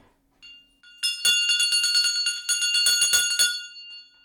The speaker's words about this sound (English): Ring that bell